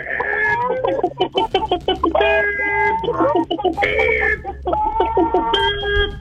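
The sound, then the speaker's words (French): Several radio phone-in callers loudly imitate hens clucking for a KFC contest, their overlapping squawks and clucks tumbling out in quick, choppy bursts with a few drawn-out, crow-like cries mixed in. “Jasez-moi comme des poules!”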